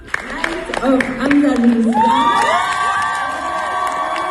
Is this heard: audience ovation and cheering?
yes